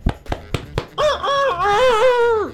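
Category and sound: bird, rooster crowing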